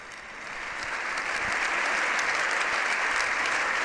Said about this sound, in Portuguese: E os membros do Congresso continuam aplaudindo o Santo Padre depois desse precioso discurso.